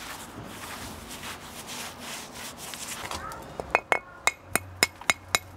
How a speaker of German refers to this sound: Beim Klopfen weiß er genau, wie viel Kraft es braucht, damit der Stein nicht an der falschen Stelle bricht. Ich sehe also hier an den Seiten ist noch zu viel dran.